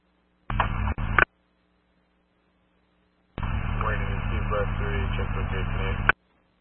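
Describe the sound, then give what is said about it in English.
Two bursts of harsh, hissing radio static on a fire department dispatch channel, a brief one then a longer one lasting nearly three seconds, with garbled, unreadable voice buried in the noise and silence between. “You are covering static.”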